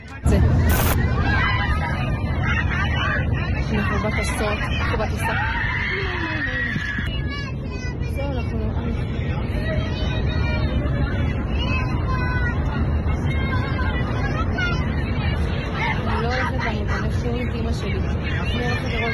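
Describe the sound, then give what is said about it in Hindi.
Indistinct murmuring of many passengers inside an airplane cabin, set against a loud, steady engine roar and rushing air that continue throughout without pause, recorded on a passenger's camera in flight after an attacker assaulted the pilot. “Camera on किया और विमान के अंदर का मंजर रिकॉर्ड करना शुरू किया।”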